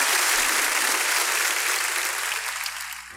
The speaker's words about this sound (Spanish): Démosle un buen aplauso, señor.